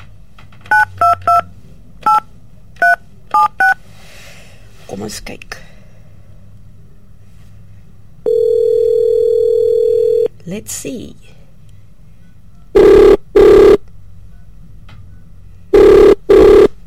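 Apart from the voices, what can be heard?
telephone dialing and ringing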